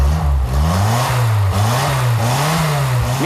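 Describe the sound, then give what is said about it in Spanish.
A Simca car with a Barreiros engine revs loudly, its pitch rising and dipping repeatedly in short surges over a steady rumble, with no voices. “este Sinca funciona de maravilla, Lleva un motor Barreiros.”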